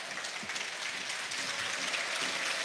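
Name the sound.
stadium applause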